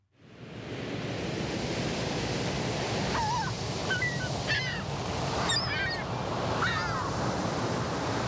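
A steady, continuous rush of ocean surf washing on the shore fills the scene, with a few loud honking bird calls breaking through over the waves. No one speaks.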